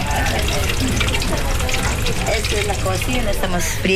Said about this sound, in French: Ça, c'est la cuisine. Je suis en train de faire frire des œufs.